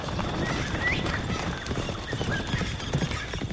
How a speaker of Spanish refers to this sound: Pietro Crespi, montado en su caballo, recorre un camino de tierra.